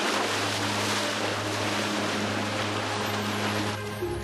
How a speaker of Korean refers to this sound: 지금도 침식 과정은 계속되고 있습니다. 와, 여기 어쩜 이렇게 제가 한국에서 보던 그런 귀암 절벽하고는 굉장히 다른데요. 흙으로, 모래로 되어 있는 절벽인데 파도가 한 번 칠 때마다 진동이 느껴지는 게 아찔합니다.